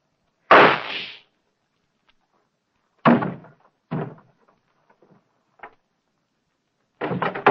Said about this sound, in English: I heard a shot.